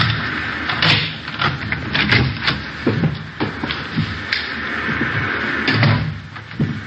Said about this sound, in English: There's the front door key. See if you can work it. I know how it works. You go ahead and open it.